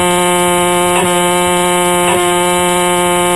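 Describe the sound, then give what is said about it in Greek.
A horn blares in one long, steady, loud tone with a rich, buzzy quality, holding unbroken throughout, with two brief faint clicks along the way. “Δεν την ακούτε την κόρνα?”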